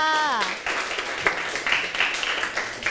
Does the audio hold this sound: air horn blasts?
no